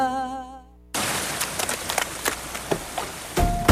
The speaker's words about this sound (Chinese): 突然下雨，好狼狈哦。 都淋湿了